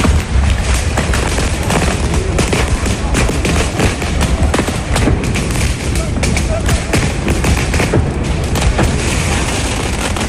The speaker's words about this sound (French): Un premier tir de mortier, puis un autre et encore un autre.